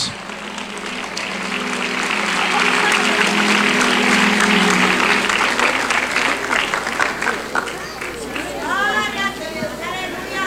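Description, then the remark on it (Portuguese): A crowd claps and cheers loudly for several seconds, the applause swelling then thinning out, with scattered voices and chatter rising through it toward the end. “Mais forte os aplausos.”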